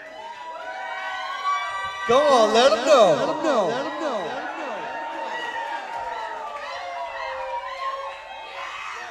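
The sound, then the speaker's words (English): A concert crowd screams and cheers in rising, wavering shrieks that surge loudly about two seconds in and keep going steadily, while a man shouts encouragement over the noise. “You might have to let them go to the bathroom real quick or something, but then keep screaming, though.”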